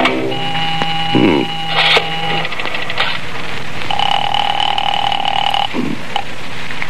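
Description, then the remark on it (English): A telephone receiver in a hallway is lifted with a clatter, then a steady dial tone hums while sharp clicks of dialing follow, fairly loud, with no one speaking. “Maybe it's been disconnected.”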